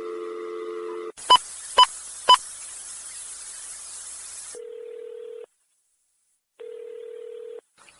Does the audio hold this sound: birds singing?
no